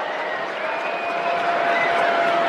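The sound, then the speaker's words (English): A steady, dense roar of a large crowd at Great American Ballpark during a Saturday night baseball doubleheader, a continuous wash of murmuring voices with no single speaker standing out, holding at an even loudness with a faint sustained tone underneath. “And a big crowd here on Saturday night.”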